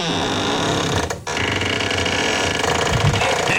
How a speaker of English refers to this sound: And I'm going to let you listen to my squeaky door. Here it is. Get ready.